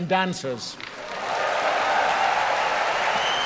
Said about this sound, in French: Là, il est en ce moment en train de demander au public d'applaudir les chanteurs, les musiciens et les danseurs qui ont participé à la soirée.